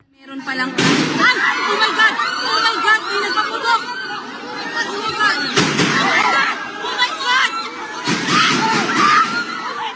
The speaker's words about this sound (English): Now, despite the gunshots, Mr. De La Rosa escaped.